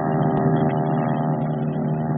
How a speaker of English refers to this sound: And bright and early, the planes began to scream down the flight deck, out over the Pacific, and on to the office.